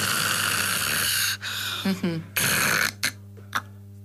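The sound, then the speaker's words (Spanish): A person imitates the snoring of someone with sleep apnea: loud, raspy, rattling snorts, then a brief silent breathing pause before a short gasping breath and a few quieter snorts. “Una persona que ronca y hace una apnea y vuelve a respirar, ¿no?”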